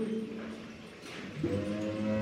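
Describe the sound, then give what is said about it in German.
A cow from a teased herd lets out a gruff, angry, drawn-out moo, then a second low, rising moo follows right after, fairly loud with no talking over it. “Sie machen sich gar nicht erst die Mühe, foppen sogleich die Herde Kühe. Das Zwillingspaar schleicht heran und ruft. Bum. Sogleich ertönt ein ärgerliches.”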